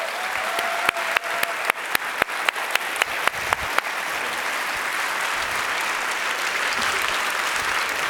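An audience breaks into sustained applause, a dense wash of clapping with a few sharp, distinct claps standing out early on before it settles into a steady roar.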